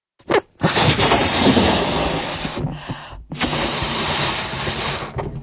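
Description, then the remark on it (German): Air rushes out of a balloon in a loud, steady hiss with a faint rasp, released in two long bursts after a brief opening puff, with a short pause between them and no voices. “Zuerst püst wir nur unseren Luftballon ab.”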